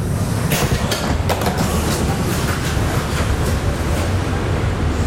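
A train runs steadily along the rails with a loud, continuous low rumble and a few sharp clacks in the first seconds. No one speaks.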